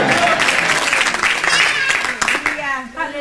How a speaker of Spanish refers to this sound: ¿Cuándo pueden dar un gloria a Dios en la noche de hoy? Dar un aplauso fuerte al Padre, al Hijo y al Espíritu Santo esta noche. A su nombre.